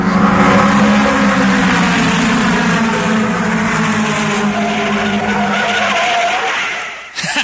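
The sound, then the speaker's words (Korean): A car engine roars loudly and steadily with squealing tires during reckless speed racing, a sustained high-pitched screech for about seven seconds before it abruptly drops away. No voices. “그리고 곧 마리화나와 음주, 자동차 폭주에 빠져들었습니다.”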